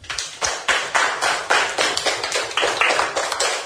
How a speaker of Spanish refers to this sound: ¡Aplausos para los niños!